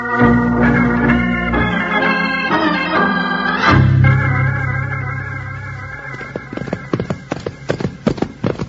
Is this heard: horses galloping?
yes